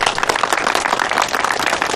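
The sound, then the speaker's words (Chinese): A group of people applauding together, a dense, steady patter of many hands clapping at once, fairly loud and sustained for the whole two seconds with no voices over it, welcoming a new soldier joining the first squad of a reconnaissance company. “侦察连一班是全师侦察兵的好榜样，我很高兴加入侦察连一班，鼓掌欢迎。”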